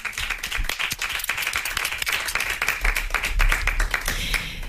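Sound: audience applause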